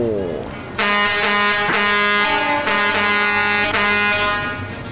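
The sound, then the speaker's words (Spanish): A water tanker truck's air horn blares in long, loud, sustained blasts with a brief break as it passes by, over a low rumble of traffic. “Si pasan aquí todos los piperos. Ah, sí, pues, pasan ahí tocando claxon.”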